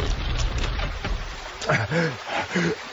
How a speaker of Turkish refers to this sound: Oraya basma. Aa! Nehre düşüyoruz.